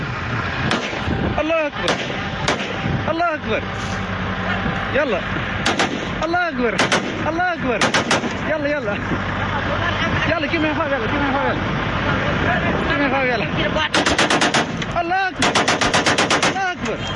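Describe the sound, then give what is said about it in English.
Heavy gunfire rings out in repeated loud bursts, with rapid automatic volleys near the end, while indistinct voices shout and babble underneath throughout, as militants ambush a convoy of trucks heading to Bamako. “In a video released last week, militants are seen ambushing a convoy of trucks heading to Bamako, which is now under a blockade.”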